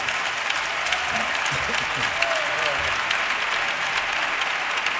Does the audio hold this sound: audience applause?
yes